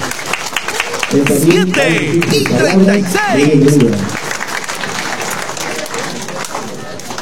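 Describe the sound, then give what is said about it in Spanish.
An audience at a ceremony of the José Carlos Mariátegui educational institution claps steadily for several seconds to welcome the school director, a dense patter of hands that holds at a fairly even loudness, with a voice speaking over the applause for a few seconds early on. “que lo vamos a recibir con voto de aplauso.”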